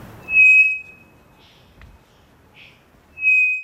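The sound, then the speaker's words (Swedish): A three-wattled bellbird gives loud, pure whistles held at one steady pitch, two strong notes a few seconds apart with a faint sustained tone and softer chirps between them. “Det vi hör här, det är en treflikig klockfågel som jag tror sitter i Amazonas.”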